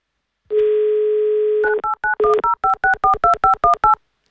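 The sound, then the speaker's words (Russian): A steady dial tone plays for about a second, then a quick run of roughly ten touch-tone beeps as a phone number with prefix 910 is dialed to call a contest participant, each tone short and clear, with no talking. “Набрали номер телефона 2518, префикс 910”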